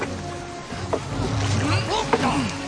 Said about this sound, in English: If they see us here, we will not be able to get away in time. We have to row away from shore.